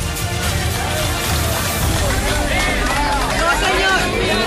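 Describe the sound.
A large crowd applauds and cheers outdoors, a steady roar of clapping mixed with many overlapping voices, loud and continuous throughout.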